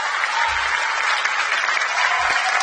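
Sustained applause from a crowd, a dense steady wash of many hands clapping at even loudness throughout, with no voices breaking through.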